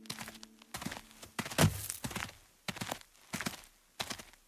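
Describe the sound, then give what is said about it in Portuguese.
Slow, careful footsteps of a group cautiously approaching a cave entrance thud one after another at a steady, hesitant pace, about eight steps, moderately loud, with quiet pauses between them and no voices. “O bando aproximou-se cautelosamente da entrada da caverna.”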